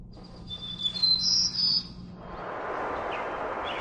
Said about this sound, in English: And they'll be suspended, and they'll be playing bird song data, which is actually a biologist's data, Dr. Flanagan from the University of Lethbridge. And it is the returning of birds to a severely burned forest post-fire.